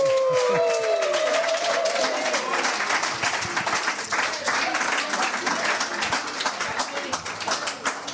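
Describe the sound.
Sustained applause from an audience for the team member who designs the shirt motifs, a dense crackle of many hands clapping steadily throughout, with a brief voice-like tone sweeping at the very start.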